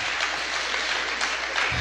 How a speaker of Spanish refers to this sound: Démosle un fuerte aplauso a Jesús, al Rey de Reyes y Señor de Señores.